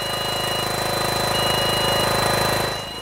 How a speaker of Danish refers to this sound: Det er korrekt, og den lyd, vi kan høre i baggrunden, det er altså den støvsuger, der skal være med til at bekæmpe de larver, der er fundet her på Amagerfællet.